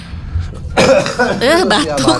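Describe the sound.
A close, loud bout of coughing begins after a brief quiet moment, with a few rough, harsh bursts that run together and carry a voiced, throaty quality.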